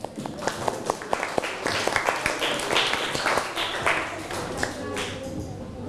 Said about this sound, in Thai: ให้กลุ่มที่2ก่อนปรบมือให้กลุ่มที่2หน่อยเร็ว